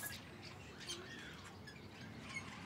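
Relatively large budgerigar chicks squawk and chirp inside a breeding box at the Jaderpark in a continuous, harsh chorus, with scratchy high-pitched calls rising and falling over a low background rumble.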